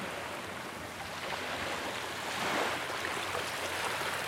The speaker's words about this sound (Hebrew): לאט לאט אתם יכולים להעביר את תשומת הלב שלכם, הצילים של הים, לגלים שעוטפים אותנו.